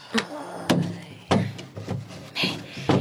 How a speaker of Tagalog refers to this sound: Ay, ang iyang jewelry box, iuli ko ni sa drawer, ah.